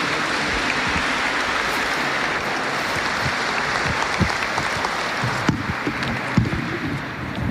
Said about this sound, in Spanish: Los invito a recibir con un fuerte aplauso al licenciado Israel Irías. Bienvenido.